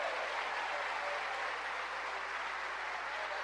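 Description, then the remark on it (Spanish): A church audience applauds God steadily, a dense, even wash of many hands clapping that holds at a constant level for several seconds with no speech over it. “¿Cuánto le dan un aplauso a ese Dios maravilloso?”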